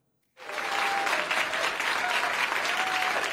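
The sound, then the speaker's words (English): Audience applause related to Prime Minister Keir Starmer and the Labour Party, reported from London, starts abruptly after a brief silence and continues steadily, a dense, sustained clatter of many hands clapping with no voices standing out. “Despite the applause, many in the Labour Party blame Prime Minister Keir Starmer for its local election losses last week.”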